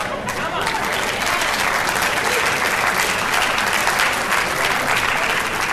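A church audience claps steadily during a sermon for several seconds, a dense, even wash of many hands with no pauses, loud throughout and with no one speaking over it.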